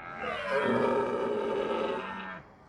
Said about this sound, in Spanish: Es inconfundiblemente un ciervo rojo, por supuesto.